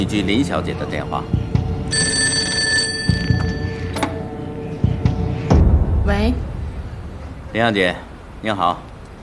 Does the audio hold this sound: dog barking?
no